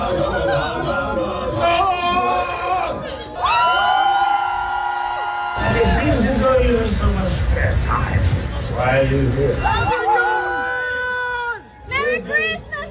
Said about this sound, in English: Johnny Depp popped up at Comic-Con yesterday in full Scrooge costume to promote his upcoming movie, Ebenezer, and the crowd went crazy.